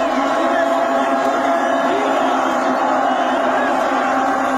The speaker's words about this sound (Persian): بعدیش هم تشویق ایسلندیه که با تبلای بزرگ و وحشتناک هوادارهای نساجی مازندران توی استادیوم قائم شهر شروع شد و سریع رسید به آزادی و یادگار امام تبریز.